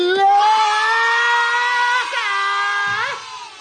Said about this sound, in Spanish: Ay, ¿quién lo aguante con esos gritos? ¡Qué horror! Ah, no enfermo y aguantando esos alaridos.